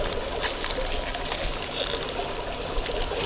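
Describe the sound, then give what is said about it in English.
Carbonated water is poured during a group ritual, giving a steady fizzing hiss with a soft trickle that holds evenly for a few seconds, with no voices over it. “Is everyone okay with carbonated water?”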